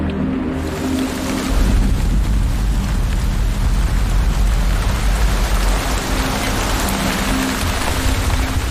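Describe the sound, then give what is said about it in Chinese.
Heavy rain pours down steadily in a dense, continuous hiss with a deep low rumble underneath, loud throughout with no voices. “野猪很喜欢下雨天，大雨可以把干旱的土壤变成可以享受凉爽的泥洼。”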